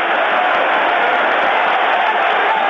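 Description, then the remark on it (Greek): A stadium crowd roars and applauds steadily, a dense, loud wash of clapping and cheering with no break, as Omonia's young goalscorer Panagiotis Andreou leaves the pitch, substituted by Ioannis Kousoulos, during a football match against Kairat. “Ο σκόρερ της Ομόνιας, κατά χειροκροτούμενος, ο νεαρός προσφαιριστής, αφήνει τη θέση του τον Ιωάννη Κούσουλο.”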